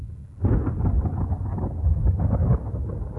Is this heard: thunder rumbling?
yes